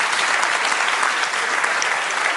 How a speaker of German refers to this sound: das ist dein Applaus, ohne einen Ton zu schwimmen.